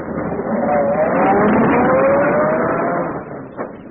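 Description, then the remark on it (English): A luxurious limousine with an English chauffeur: its engine hums steadily, then revs with a rising pitch as the car pulls away, fairly loud before the sound eases off near the end. “Seated in a luxurious limousine equipped with a correct English chauffeur, she became Lady Edith Bannon Murdoch.”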